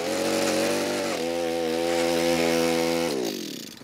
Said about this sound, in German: Du kannst mir einfach gerne bei den Zaunelementen helfen. Dann müssen wir da gleich ein bisschen bohren und buddeln.